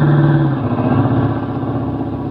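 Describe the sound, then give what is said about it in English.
A car engine rumbles loudly, a steady droning roar that shifts down slightly in pitch as the car comes along a road and drives past, with no voices present. “Duck, here comes the car.”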